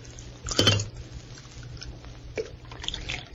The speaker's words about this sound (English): Alpha poured coffee.